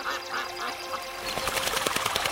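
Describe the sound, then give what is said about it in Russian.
Ducks call a few times, then a rapid flurry of soft splashing and flapping wings breaks out as they lift off the water of Lake Manych in the early morning, with light mist over the water; steady in volume. “Сначала слышны негромкие всплески. Это утки поднимаются с воды.”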